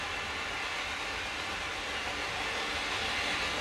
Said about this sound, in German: Und die S-Bahn fuhr vorbei